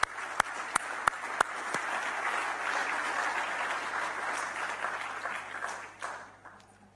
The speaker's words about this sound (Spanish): Un aplauso para ellas.